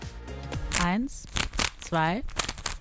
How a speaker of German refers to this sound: Ich möchte gerne kurz 4 Sekunden runterzählen. Warte kurz, ich mache das mit dem Zauberwürfel zusammen.